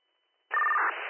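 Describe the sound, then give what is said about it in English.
After a brief silence, a steady electronic telephone tone for a disconnected number cuts in abruptly. It sounds thin and phone-line filtered and continues over a hissy connection. “The number is disconnected.”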